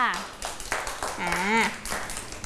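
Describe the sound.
A small group claps in quick, uneven bursts, close and fairly loud, while voices call out and chatter over the applause throughout.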